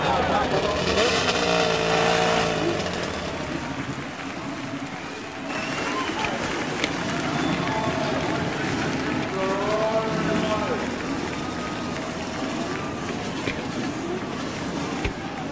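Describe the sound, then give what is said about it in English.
Many race car engines, totalling over 25,000 horsepower and lined up in 11 rows of three, fire up and roar together on the main straightaway of the Indianapolis Motor Speedway in a loud, continuous wall of sound, with revving pitches rising and falling while muffled voices sit underneath. “And the roar of over 25,000 horsepower builds from the main straightaway.”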